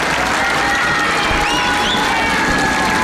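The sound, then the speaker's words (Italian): A large crowd cheers and shouts in an open square at Castel Gandolfo, greeting Pope Leo: a dense, steady roar of many voices with some higher children's cries rising above it, loud throughout. “Restando sulla piazza, pensate, lo dobbiamo far sentire il saluto.”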